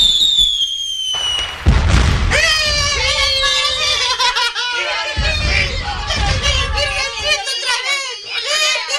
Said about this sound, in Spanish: Cuando salieron de la iglesia con la nueva virgencita, hubo una gritería por parte de los vecinos y comenzaron a reventar cohetes.